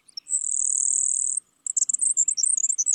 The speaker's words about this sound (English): Other birds are so buzzy that they're easily mistaken for insects, like this grasshopper sparrow.